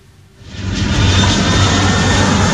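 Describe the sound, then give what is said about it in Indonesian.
A Garuda Indonesia GA604 passenger jet on the Jakarta-Makassar route, which circled before an emergency landing at Sultan Hasanuddin Airport: the engine roars up from quiet within the first second, then holds a loud, steady rumble with a faint high whine on top. No one speaks. “Pesawat Garuda Indonesia GA604 rute Jakarta-Makassar sempat berputar-putar di udara sebelum mendarat darurat di Bandara Sultan Hasanuddin Kamis pagi.”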